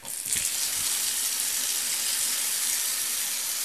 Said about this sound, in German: Also es tritt ein kräftiger Strahl heraus in die Badewanne.